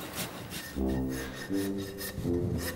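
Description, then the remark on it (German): A file rasps across an animal's hoof during hoof care, filing and shaping it in steady back-and-forth strokes, each a coarse, scratchy scrape, with a low, droning tonal hum swelling in short bursts beneath the rasping. “Eine Stunde lang feilen und modellieren.”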